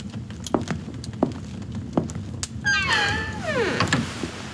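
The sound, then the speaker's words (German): A few soft, separate clicks and knocks, then a long, squealing hinge creak that bends downward in pitch as Count Dracula swings a door closed. No one speaks. “Mit einem durchdringenden Blick und einem nicht zu deutenden Lächeln schloss Graf Dracula die Tür und ließ mich allein.”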